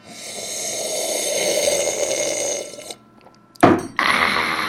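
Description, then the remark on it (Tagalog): A long, steady, noisy slurp of a drink lasting a few seconds, then a brief pause followed by a sharp, louder gasping burst and a rough airy rush. “Para kay Dung Patak naman itong higop na ito.”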